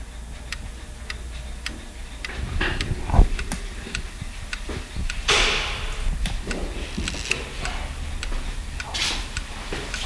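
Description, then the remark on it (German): Several clocks tick steadily in a watchmaker's workshop, their overlapping ticks forming a dense, slightly uneven rhythm, with occasional soft shuffling and a brief louder knock partway through. “Also habe ich mich auf den Weg zu einem Uhrmacher begeben und ihn erzählen lassen. Zur Zeit, zu Uhren, zu Zeitmessern.”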